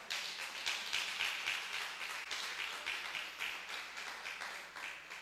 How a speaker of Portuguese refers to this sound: A hora do aplauso para beber água, lembra? É, puxa aí.